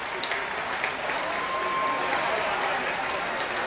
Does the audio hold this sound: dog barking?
no